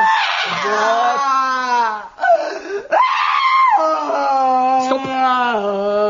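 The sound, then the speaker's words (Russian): A human voice imitates a loud, wailing howl of crying: long, sustained cries with wavering, sliding pitch and a brief catch for breath in the middle, no other talk. “Ну и видя, что цветы погибли, начинаю реветь.”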